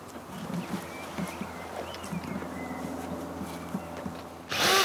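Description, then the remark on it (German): A power drill bores two air-supply holes into the lower end of a furnace weighing about 100 kilos at a fire pit, whirring steadily with a low motor hum and faint grinding, ending in a sudden louder burst of harsh noise. No one speaks. “bohrt zwei Löcher. Sie dienen der Luftzufuhr.”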